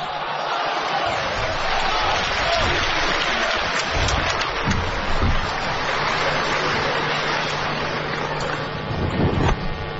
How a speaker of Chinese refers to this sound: 谢谢观众的掌声鼓励， 谢谢朋友。